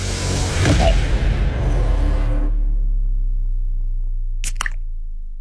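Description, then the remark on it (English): A beer can is cracked open, a single sharp pop near the end after a stretch of fizzy, rustling noise that settles into a low, quiet hum. “should we roll straight into the next can?”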